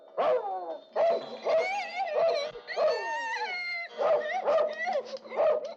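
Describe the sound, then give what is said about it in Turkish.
A dog barks because a burglar has come into the house, in a rapid, excited series of loud yelping barks, about a dozen in under six seconds, with high pitched, whining tones between them. “Tabii hırsız gelmiş ki köpek havlayı.”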